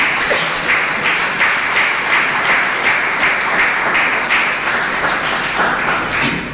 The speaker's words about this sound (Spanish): ¿Cuántos dicen gloria a Dios? Un aplauso por favor a Jesucristo.